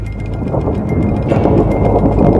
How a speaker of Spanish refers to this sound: Logró captar los pulsos de radio emitidos por las descargas eléctricas dentro de la nube. Este es un rayo real que captamos con el radiotelescopio LOFAR. Cada uno de estos puntos es el lugar donde se emitió un pulso de ondas de radio desde el rayo.